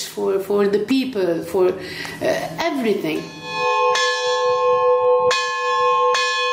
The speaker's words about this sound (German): Im Kloster St. Peter und Paul läutet Mönch Philemon derweil weiter die Glocken.